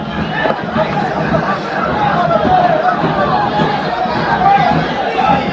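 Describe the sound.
A stadium crowd at a football match involving Cristal shouts in protest near the end of the first half, a dense, steady roar of many voices with raised, drawn-out cries rising above the mass, loud and unbroken throughout.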